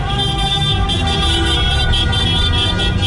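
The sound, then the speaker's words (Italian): Car horns blare continuously in Piazza Grande, Locarno, Switzerland, several overlapping honks and toots layered over a steady rumble of traffic and crowd noise, loud throughout. “Riconosco la macchina.”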